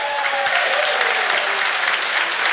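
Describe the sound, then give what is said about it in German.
Dense, steady applause from guests in a packed festival tent in Hintertux at a Radio U1 Frühschoppen, a continuous wash of many clapping hands at a strong level, with no talking over it. “Ein knallvolles Festzelt hier in Hintertux und dafür ein Dankeschön an alle Gäste, die vorbeigeschaut haben und mit einem Applaus schicke ich mal liebe Grüße.”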